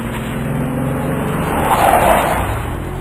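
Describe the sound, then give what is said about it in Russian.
A truck loaded with stones brakes sharply on a road, its brakes screeching and tires skidding in a loud, sustained squeal over a rumbling engine that swells briefly near the end before easing off, as the truck jerks to a stop. “Раздался скрежет тормозов.”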